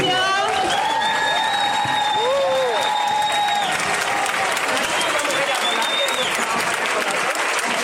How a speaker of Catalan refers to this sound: Un aplaudimiento y muchísimas gracias a la Chove Muxaraca de Valencia.